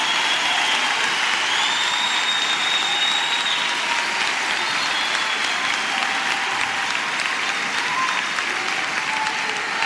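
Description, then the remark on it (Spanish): An audience claps steadily and loudly for the whole stretch at the preacher's call to applaud and praise God, a dense wash of many hands with no pause, with faint voices cheering beneath it. “¿Alguien puede aplaudir?”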